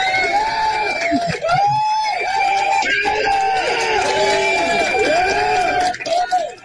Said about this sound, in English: Well, I'm on the other side today, you know? Usually when I hear that applause, it's for our guest. Today, it's for me.